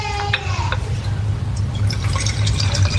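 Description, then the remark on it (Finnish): Water pours steadily into an empty vessel, a gurgling splash with a faint rising pitch as it fills, broken by a few brief drips and spatters. “Mulla on tässä tyhjä nekka. Täällä on vettä.”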